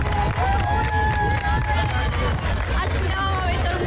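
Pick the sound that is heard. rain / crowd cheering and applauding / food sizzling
crowd cheering and applauding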